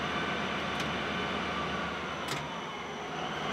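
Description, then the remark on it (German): A loaded freight train weighing more than 500 tonnes spins its wheels on the rails: a steady, dense grinding roar throughout, with two brief sharp hissing bursts rising above it. No voices. “Jetzt haben die Räder durchgedreht.”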